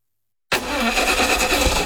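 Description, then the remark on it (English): After a short silence, a car engine abruptly cranks and sputters, a loud, rough mechanical churn that keeps straining without settling into a smooth idle. “Looks like you're having some car troubles.”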